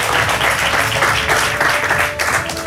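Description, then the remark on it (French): A large audience applauds the winner of the retail brand of the year award, Grand Frais, a dense, continuous wash of many hands clapping at full volume that holds for the whole few seconds without letting up. “Vous pouvez l'applaudir bien fort.”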